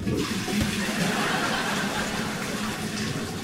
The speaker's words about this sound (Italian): Quella costosissima fatta su misura a Napoli dal sarto più famoso del mondo. Quella che uso nelle occasioni specialissime. Dici questa che sto usando per pulire gli schizzi di feci fluide da dentro la tazza del cesso?